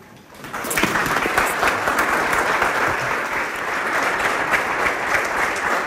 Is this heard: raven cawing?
no